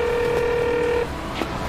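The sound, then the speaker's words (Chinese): A steady electronic phone tone hums for about a second as a phone call is placed, then cuts off, leaving a low background rumble and a faint click. No one speaks. “那你再打电话，你问问。”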